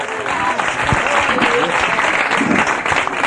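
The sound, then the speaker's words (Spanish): An audience applauds loudly and steadily for the Lord in the afternoon, dense clapping filling the whole moment, with scattered voices and faint shouts mixed into the sustained applause. “Dele fuerte ese aplauso al Señor esta tarde.”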